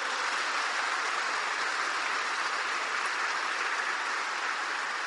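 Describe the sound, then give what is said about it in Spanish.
A crowd applauds steadily for Saint Francis of Assisi, a dense, even wash of many hands clapping that holds at a constant level for about five seconds with no voices over it. “¡Aplauso para San Francisco!”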